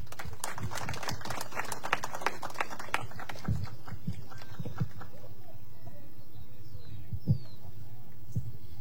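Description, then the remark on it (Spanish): A crowd claps in a quick, dense burst of applause for an engineer of the supervising consortium being introduced at a municipal public works event, gradually thinning out and fading over the last few seconds, leaving only a few scattered claps and low background murmur. “Fuertes palmas para él, por favor.”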